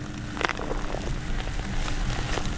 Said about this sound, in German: Doch zumindest kurzfristig ist ein Ende der trockenen Phase in Sicht. Als wir das Erdnussfeld Anfang September betreten, fallen bereits die ersten Regentropfen.